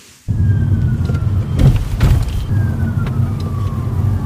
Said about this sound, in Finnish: Etäältä lähestyvän hälytysajoneuvon sireeniä muistuttavat vinkaukset kuuluvat, kun jalan nostaa kaasupolkimelta. Citroen EC3 ottaa energiaa talteen.